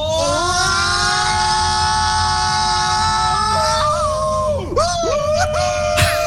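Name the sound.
roller coaster riders screaming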